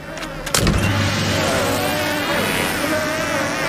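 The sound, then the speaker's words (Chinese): A swarm of honeybees buzzes around a box holding a large hive, in a thick, continuous drone, many overlapping wavering tones holding steady and fairly loud after a brief thump near the start. “哦，是蜂蜜，难怪会有一大群蜜蜂围着这个箱子嗡嗡地飞个不停呢。”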